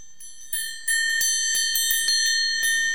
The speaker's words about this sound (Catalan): He portat unes campanes diferents que escoltarem i es tractaria de ordenar aquestes campanes. Jo primer us les presento. Mira, la campana número 1 és aquesta.